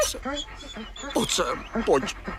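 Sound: injured wolf whimpering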